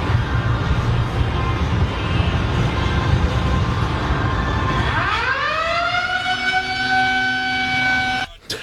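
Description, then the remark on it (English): The lunk alarm at a Planet Fitness gym goes off: after several seconds of dense background noise, a loud siren tone sweeps upward in pitch, holds a steady wail for about three seconds, then cuts off abruptly. “And found a video online of the Lunk Alarm at Planet Fitness going off.”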